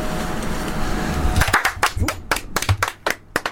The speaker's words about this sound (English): Sorry, I just carried on clapping there